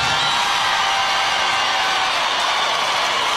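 A large crowd at a stadium concert on a tour across America cheers after the performer says "Free Palestine" on stage. The cheering is a dense, steady roar of many voices that holds at full loudness for about three seconds without letting up.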